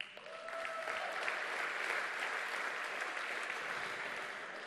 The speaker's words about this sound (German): Applaus.